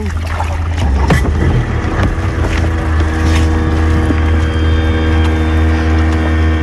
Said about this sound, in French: Le bateau sur lequel on est, ça nous sert surtout pour l'activité bouée tractée. Et aussi de temps en temps pour faire les navettes, pour aller jusqu'à l'île pour le départ des jet skis.